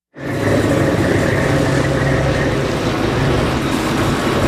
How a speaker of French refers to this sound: Allez, on monte à bord d'un bateau de pêche au mar au lever du jour